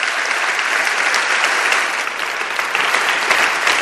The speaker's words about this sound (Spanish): Os pido un aplauso para que se sienta la fuerza de los que estáis aquí y nuestro apoyo a toda esa gente que está trabajando por ayudar a los demás.